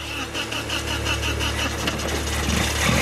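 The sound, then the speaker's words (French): A car engine, just started in a workshop, idles steadily, a loud, even mechanical rumble with a low droning hum and a faint rattling vibration throughout. No voices. “Et voilà ! Le moteur parle !”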